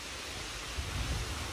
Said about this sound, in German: Das Rauschen der Bäume im Park.